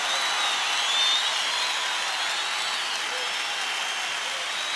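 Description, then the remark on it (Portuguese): An audience applauds in praise of God, a steady, dense wash of many hands clapping that holds at an even, fairly loud level for the whole stretch, with no voices standing out. “Aplaudam mais forte, porque ele é digno.”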